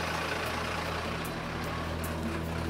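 A fire engine idles and rumbles steadily at low pitch as it slowly maneuvers through a gap by a wooden barricade onto the savanna enclosure in Münster, with a broad constant hiss and a few brief high bursts like air releases, and no voices.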